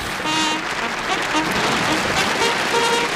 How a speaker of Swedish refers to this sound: Det var nog en story som kräver en applåd. Absolut, vi ger en fanfar också.